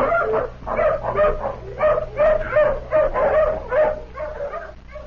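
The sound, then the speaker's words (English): A tracking hound barks and whimpers in a rapid, repeated series of yelping calls, steady for several seconds, with a low hum underneath, as it is urged to sniff a shirt and follow a man's scent. “Come on, hound, sniff.”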